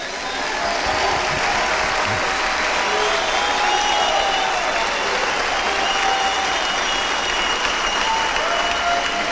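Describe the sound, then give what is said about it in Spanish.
A crowd applauds steadily for several seconds, a dense, sustained wash of clapping at an even loudness with no voices standing out. “¿Y por qué no aplauden entonces?”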